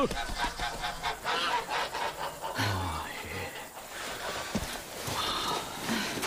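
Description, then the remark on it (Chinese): A flock of geese, including goslings, honk and squawk in a busy, overlapping chorus, with scuffling movement and a brief human call mixed in as the birds are driven along with a bamboo pole. “去去去 去，走走走走走走走，我妈妈带着小鹅都走啊，走走走走，我这个竹竿呢厉害得很嘞啊，走走走走。”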